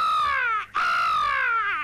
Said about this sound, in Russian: Ворона в гнезде.